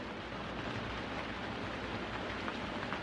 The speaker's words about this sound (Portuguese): A tempestade durou exatamente 40 dias e 40 noites, ou 57.600 minutos, ou 960 horas, como seja. Parecia que nunca ia terminar.